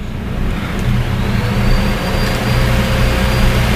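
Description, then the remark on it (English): A high-pitched vacuum cleaner runs continuously, a loud steady motor roar with a thin, shrill whine riding on top, holding an even level throughout with no talking. “You guys don't hear it, but yeah, that's a high-pitched vacuum cleaner. I think the microphone is picking up some of it.”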